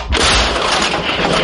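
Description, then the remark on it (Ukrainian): A single artillery gun fires one heavy shot at attacking enemy infantry near Dobropillia, a sudden loud boom that fills the air and rolls on in a sustained rumble and roar. “Постріл!”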